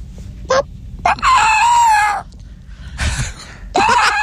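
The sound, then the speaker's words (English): A person imitates a chicken, with a couple of short squawks leading into a long, strained crow, then two more loud, raspy calls. The voice is fairly loud, with no talking. “Here's the last one we've got for your impression of what you think a chicken sounds like.”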